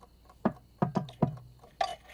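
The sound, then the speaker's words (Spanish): Knocking on a door: about five firm, hollow raps in an uneven rhythm, a single knock, then a quick group of three, then one more after a pause. No voices. “Me pregunto quién estará en la puerta.”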